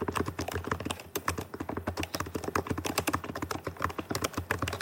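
Rapid, steady typing on a scissor-switch laptop keyboard with an ANSI-US layout, with dense shallow key clicks running continuously for a few seconds and no voices.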